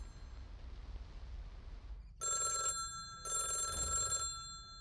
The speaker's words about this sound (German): Um 12 Uhr mittags klingelte das Telefon.